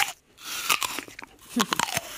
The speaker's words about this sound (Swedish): Ja, det där ljudet av att tugga ett äpple.